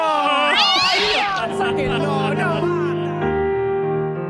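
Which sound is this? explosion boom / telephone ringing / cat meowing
cat meowing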